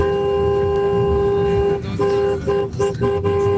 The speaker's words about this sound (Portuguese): Aí o povo já buzinando com a gente aqui na nossa madrugada.